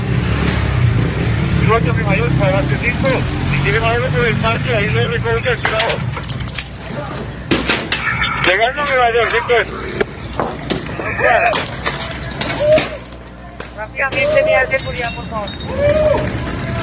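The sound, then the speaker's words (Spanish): A chaotic street clash in the La Leona sector of La Estanzuela: many agitated voices shout and yell as women attack police with stones and sticks, with sharp clattering and cracking impacts hitting repeatedly over a low traffic rumble. “Con piedras y palos, así recibían a la policía a estas mujeres que organizaban todo lo que pasa en la Estanzuela.”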